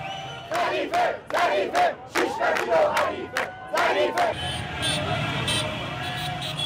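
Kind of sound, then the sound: crowd, crowd cheering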